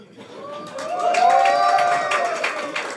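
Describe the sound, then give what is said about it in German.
A cabaret audience cheers and applauds, with dense clapping under rising shouts and whoops that swell in the middle and stay loud to the end. “Jubel!”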